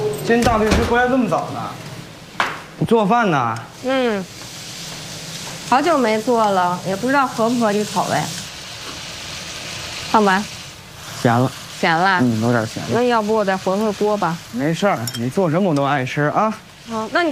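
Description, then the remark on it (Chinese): Food sizzles in a hot pan, a steady crackling hiss running beneath voices that talk over it almost the whole time. “你做饭呢？”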